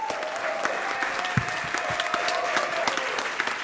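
Steady audience applause, a dense crackle of many hands clapping at an even loudness throughout, with a faint tone humming underneath and no voices standing out.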